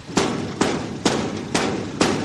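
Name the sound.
knocking on a door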